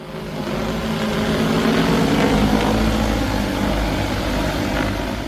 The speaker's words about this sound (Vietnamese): Tiếng động cơ cất cánh của một thiết bị bay không người lái vang lên tại khu vực Cần Giờ, thành phố Hồ Chí Minh. Chỉ ít phút sau, một kiện hàng đã được vận chuyển tới điểm nhận theo lộ trình được lập trình sẵn.